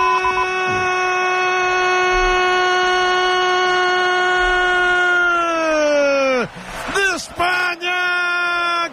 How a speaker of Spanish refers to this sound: Se les escucha, Javi, en la grada a los croatas, ¿eh? Hay muchos, ¿eh?